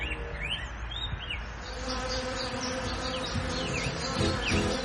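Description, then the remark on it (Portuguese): A dense swarm of stingless bees buzzes steadily, a continuous droning hum that never lets up, with faint high chirps flickering above it. “As abelhas sem ferrão fazem a polinização, dão um mel docinho e ainda ajudam a manter a vida no nosso sertão.”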